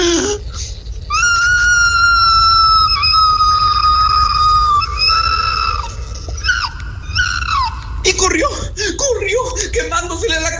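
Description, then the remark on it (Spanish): A person imitates an opossum's loud, shrill scream of pain as its tail burns in a fire: a long, high, wavering wail held for several seconds, breaking into shorter strained cries near the end. “Y el tlacuache pegó un fuerte grito de dolor, más o menos así.”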